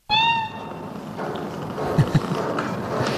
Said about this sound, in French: Bon, Félicette est de toute évidence un chat, j'ai bien identifié, plutôt devrais-je dire une chatte, je suppose, une chatte astronaute. C'est elle qu'on vient donc d'entendre dans ce document de l'INA